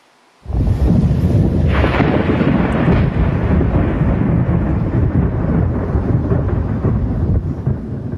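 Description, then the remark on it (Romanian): A tornado storm striking Sicily and the southwest coast of the Italian peninsula bursts in abruptly, then a loud, unbroken roar of wind and deep thunderous rumbling carries on steadily for several seconds, with no voices. “Mai multe tornade au lovit Sicilia și coasta de sud-vest a peninsulei.”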